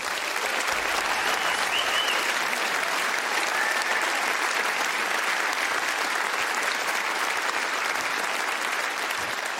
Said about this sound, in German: Applaus.